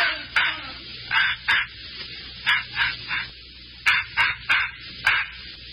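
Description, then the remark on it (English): A puppy named Scuttlebutt, aboard a ship, yaps in quick, high-pitched barks, about a dozen short yips in uneven bursts of two or three, clear against a quiet background with no talking. “don't that dog ever go to sleep?”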